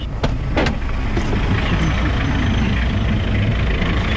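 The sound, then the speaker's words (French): Heavy mining company trucks rumble in a steady, loud low engine drone on a dusty railway construction site track near the Simandou iron mine in Guinea, with a couple of brief clanks early on, and no voices over the continuous roar. “Les camions des sociétés minières arrosent chaque jour la piste, mais ça ne suffit pas.”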